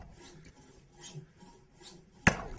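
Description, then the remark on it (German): A hand saw rasps through wood in slow, steady back-and-forth strokes, fairly quiet, then a sudden sharp crack as the cut finishes; one piece after another is being sawn through. “Also beim Sägen, da weiß man, da gibt es noch eins, durchsägen und das nächste nehmen.”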